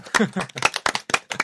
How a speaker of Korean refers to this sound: 아, 박수.